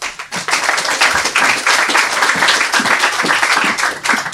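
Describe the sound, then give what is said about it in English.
A crowd claps steadily, a dense wash of many hands applauding at an even, sustained level for a few seconds with no voices over it. “Let's hear it for”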